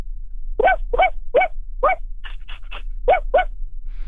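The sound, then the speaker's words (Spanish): A voice imitates the barking of a small dog with fluffy fur: about nine high, yappy barks in a quick, uneven series, fairly loud over a low background hum. “Como un perro con pelo esponjoso.”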